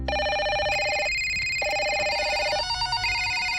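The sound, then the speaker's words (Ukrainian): Telephones ring continuously with overlapping electronic ringtones, their bright tones stepping between higher and lower pitches in a steady, insistent pattern. There is no talking. “Плануєте бізнес-подію і на вас уже сиплються дзвінки та узгодження?”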